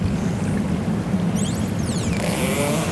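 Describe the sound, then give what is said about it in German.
Underwater recording in the Westfjord of a pilot whale calling: a short cluster of quick, high rising-and-falling whistles over a constant low, rumbling background noise, with a sperm whale clicking in the background. “Nein, das war jetzt ein Grindwal.”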